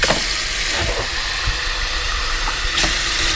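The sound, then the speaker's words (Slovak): Cold water runs steadily into a glass, a continuous hissing pour with faint clinks, lasting a few seconds with no one speaking. “Podaj mi prosím pohár vody, nech ju môžem zapiť.”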